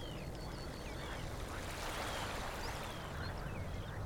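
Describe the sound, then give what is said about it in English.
A steady, airy rush of breeze through birch trees on a warm but slightly grey, windy afternoon in southeast Estonia holds an even level throughout, with a few faint, thin bird chirps flickering above it. No one speaks. “You may be able to hear a bit of a breeze in the birch trees here above me.”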